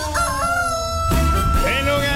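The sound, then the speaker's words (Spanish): A rooster crows loudly, one long cock-a-doodle-doo with rising and falling harmonic calls, standing alone without any talking over it. “Amelia Domínguez Caramayo del barrio San Isidro le cantó el gallo.”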